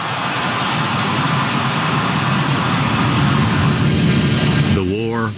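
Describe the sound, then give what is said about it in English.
A C-17 military transport jet roars on takeoff from Hamid Karzai International Airport, the last one to leave, carrying remaining troops on August 30th: a loud, dense and steady engine blast for several seconds, with a voice beginning just as it ends. “The last C-17 lifted off from Hamid Karzai International Airport on August 30th, this afternoon, at 3:29”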